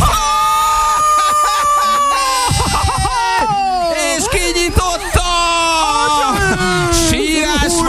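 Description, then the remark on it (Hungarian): A woman crying loudly and continuously, her voice wavering and rising into high, strained wails with sobbing breaks, intense throughout, as a padlocked container is opened with a key. “Nagy sírás van!”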